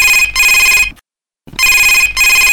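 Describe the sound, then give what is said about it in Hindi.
A telephone rings in two loud electronic bursts, each a rapid warbling trill lasting under a second, separated by a brief silent pause, as a listener calls in to the Yuvvani radio programme. No one speaks. “तो इतने दिनों के इंतजार के बाद आज देखते हैं कि सबसे पहला फोन हमें किन श्रोता ने किया है।”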